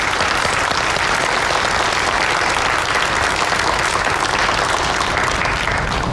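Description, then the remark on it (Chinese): Sustained applause from an audience in China welcoming novelist Luca Mori to speak with readers, a dense, steady clatter of many hands clapping at an even loudness throughout, with no voices rising above it. “好了，话不多说，让我们掌声有请新锐派作家卢卡·莫里先生跟大家交流一下到了中国以后见到中国读者他的感受，有请。”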